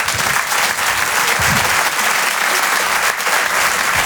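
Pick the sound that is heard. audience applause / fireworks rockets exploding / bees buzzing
audience applause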